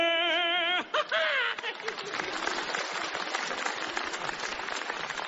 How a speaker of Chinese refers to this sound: 大家不要鼓掌了